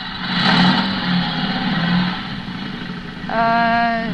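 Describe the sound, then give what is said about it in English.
George Montgomery's motorcycle engine revs loudly, its rough drone swelling and easing, then climbing sharply in pitch near the end with a fresh burst of throttle. “Somebody must have given him a motorcycle.”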